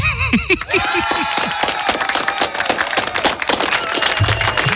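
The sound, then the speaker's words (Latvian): A crowd breaks into loud, steady applause after a brief swelling whoop, with dense overlapping claps continuing energetic to the end. “Aplausi spermilādēm.”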